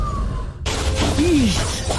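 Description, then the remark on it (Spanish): Glass suddenly shatters loudly after a short quiet stretch, a bright crash followed by a sustained spray of breaking shards and tinkling debris, with a brief wavering tone partway through. “Así suena cuando nuestros operarios se lastiman con objetos cortopunzantes como espina de pescado o vidrios.”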